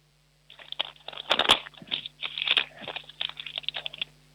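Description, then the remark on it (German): A sheet of paper is torn in a series of scratchy, crackling rips lasting a few seconds, with one louder tear early on, over a faint steady low hum and no voices. “Oh, jetzt will ich noch einen Zettel zerreißen. Ja, dann zerreiß noch einen Zettel.”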